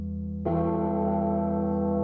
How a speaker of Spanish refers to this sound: Esto lo grabaron, la campana esta, la grabaron en alguna iglesia, no sé cuántas veces. Escuchá.